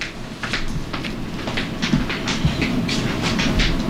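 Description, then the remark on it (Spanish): Heels tap a hard floor in a quick, uneven series of sharp clacks that keep going for several seconds over a steady low rumble, with no one speaking. “¿Pero por qué taconeas”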